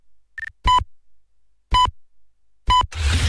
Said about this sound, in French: quatrième top, il sera 4h.